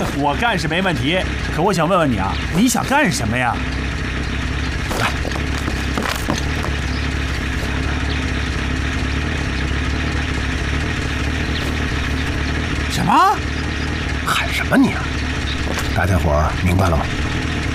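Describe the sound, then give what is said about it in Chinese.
A heavy armored vehicle's engine, just started, idles with a steady, deep rumble throughout, fairly loud, while voices break in briefly near the start and again toward the end. “发动了，这么快呀？怎么，要开着装甲车上街啊？”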